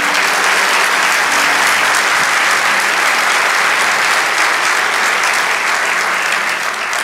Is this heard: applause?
yes